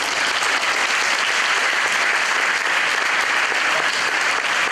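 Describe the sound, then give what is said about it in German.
An audience claps steadily, a dense wash of many hands applauding at an even, sustained level for several seconds without pause or voices, at a district sports award ceremony after the Glauchau mayor shows a balancing act. “Achtung! Applaus!”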